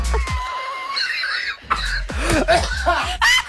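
A bout of heavy, hacking coughs, several harsh bursts in quick, uneven succession, loud and close, with a few laughing or wheezing sounds mixed in.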